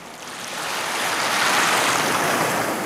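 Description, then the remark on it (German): Steady Indian Ocean surf washes in at Lamu, an island off the Kenyan coast, with a broad, hissing roar that swells slightly and holds, fairly loud, with no voices. “Lamu, eine Insel vor der kenianischen Küste im Indischen Ozean.”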